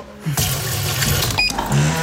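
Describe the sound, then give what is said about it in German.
Water runs steadily into a coffee machine's water tank for about two seconds, a continuous pouring hiss with a brief clink partway through and a low hum underneath; no one speaks. “Wassertank leer.”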